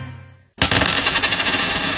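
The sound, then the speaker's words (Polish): A coin is flicked and lands on a hard surface, ringing and rattling as it spins and settles. The clear metallic clatter is fairly loud, with no voices. “Rzućmy monetą.”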